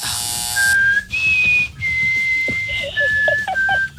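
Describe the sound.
A person whistles a short tune: a few long, steady notes stepping up and down in pitch, ending with several quicker, lower notes.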